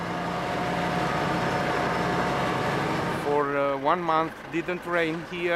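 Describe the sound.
The engine of a heavy animal-transport truck drones loudly and steadily for about three seconds, laboring on steep terrain; then it drops away and a man starts talking over a quieter background.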